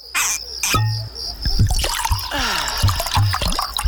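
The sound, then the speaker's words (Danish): Water trickles and drips steadily in an underground stream in the cave passages of Mønsted Kalkgruber, a busy stream of small splashes and bubbling plinks with a faint echoing ring, heard alone without voices. “Gå på opdagelse i 4 km underjordiske gang med grotter så store som domkirker og rislende vandløb og underjordiske søer.”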